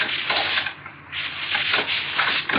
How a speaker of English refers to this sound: First, I get this door open.